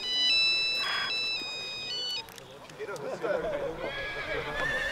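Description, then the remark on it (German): A mobile phone ringtone plays a bright, stepped electronic melody for about two seconds, fairly loud, then stops as voices start talking over a busy background. “dein Handy. Das ist deins, Mama.”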